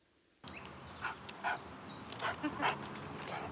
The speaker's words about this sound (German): Lautes Schnaufen, gemächlicher Gang, typisch französische Bulldogge.